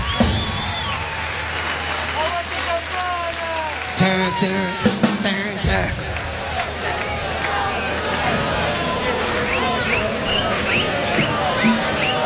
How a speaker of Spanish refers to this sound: Les pido un fuerte aplauso